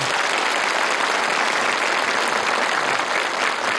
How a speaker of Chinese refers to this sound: 在这里让我们用热烈的掌声再次欢迎各位领导、嘉宾、老师和同学们的到来，欢迎你们， 欢迎你们。